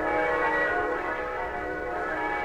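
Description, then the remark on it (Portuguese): Bells ring together in a steady, overlapping peal, their bright sustained tones blending into a shimmering wash that holds at an even loudness throughout, with no voices. “Oh, vejam! Os sinos estão batendo.”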